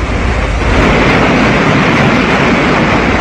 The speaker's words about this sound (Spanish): Calimán había dispuesto la construcción de una balsa con troncos grandes y sólidos, y después de una suculenta comida de pescados atrapados por Solín, emprendían la marcha a bordo de la balsa por las turbulentas aguas del río Jataté.